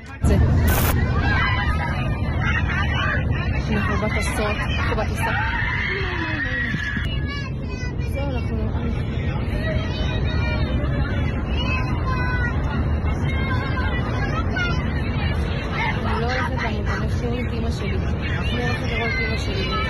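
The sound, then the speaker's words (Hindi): A steady murmur of many passengers' voices fills an aircraft cabin in flight just after the pilot was attacked, layered over a constant low engine rumble, with no single speaker standing out and the level staying even throughout. “Camera on किया और विमान के अंदर का मंजर रिकॉर्ड करना शुरू किया।”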